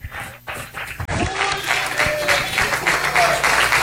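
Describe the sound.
A church audience at an early-morning service claps for Jesus as they welcome the woman who will preach, a dense, steady wash of applause that swells after a brief lull and stays loud, with some voices mixed faintly underneath.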